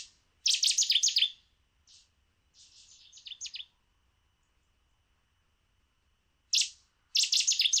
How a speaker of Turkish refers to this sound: Bu şekilde devam ediyor. Onun için devam etmedim. Bir ses yok. Tonda da bir fark yok. Bu kuşu dere boylarında çok fazla görüyoruz. Aslında gerçek bir köy kuşu. Özellikle köydeki dere boyunda kurulmuş köyler.